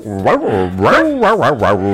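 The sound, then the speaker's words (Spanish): A person imitates a dog, letting out a run of loud, voiced barks and yelps in quick succession, with rising and falling pitch like an excited dog. “Pero estos muchachos ladran como perros.”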